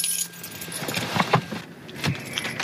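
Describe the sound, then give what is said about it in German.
Keys jangle in several quick metallic bursts as one is picked up after parking a car, with a faint engine hum and light background noise underneath. “Gut, dann wollen wir einen Schlüssel mitnehmen.”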